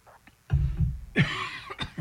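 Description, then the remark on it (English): A loud cough with a couple of harsh bursts and some throat rasp, followed by a few shorter coughing sounds, with no speech. “Excuse me, didn't mean to cough in your ear there.”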